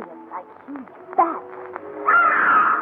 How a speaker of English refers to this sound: Look in the sky! Those birds!